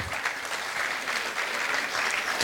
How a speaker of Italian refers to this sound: Grazie di cuore ancora, un grande applauso a loro.